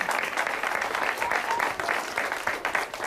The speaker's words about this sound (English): I'm rather flattered that you folks clap like you do, because they don't see before the show that, in fact, you got to keep clapping and clapping and clapping, and it's very nice of you.